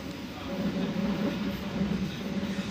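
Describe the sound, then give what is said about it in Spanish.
A steady low rumble of a train rolling along the rails through vineyards and orchards, continuous, with a broad mechanical hum and no distinct clacks standing out. “El tren pasa por viñedos y huertos.”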